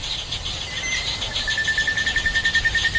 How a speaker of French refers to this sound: Illustration sonore pendant la saison humide, voici un enregistrement le jour avec des oiseaux.